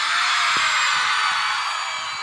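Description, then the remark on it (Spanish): A loud, sustained wall of audience shouting and high-pitched screaming, women in the crowd answering a performer's call, many voices blending into one continuous roar that barely dips before fading slightly at the end. “Solo quiero escuchar el grito de las atorrantas presente aquí.”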